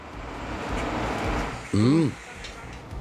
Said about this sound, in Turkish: Vay, gelen çöp kamyonuymuş. Her zamanki yanlış alarmlardanmış.